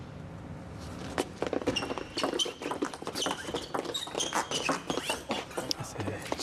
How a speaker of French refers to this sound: Une valse à 4 temps là. À chaque fois, on entend les bruits de pas. Ah ouais, bouge beaucoup. Les micros qui sont vraiment très proches sur la table. Hein, donc on entend le jeu de jambes.